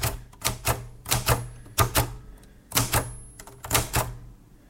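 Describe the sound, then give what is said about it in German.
Crisp keystrokes on a Cotessa 2 Deluxe manual typewriter, struck in quick uneven clusters with a short pause midway, each key landing with a sharp mechanical clack and no voices. “Ich habe jetzt eine Schreibmaschine vor mir.”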